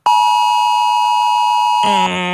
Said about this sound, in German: Es klingt nach Alarm. Ja, ziemlich kalt, sehr sachlich. So ein Warnton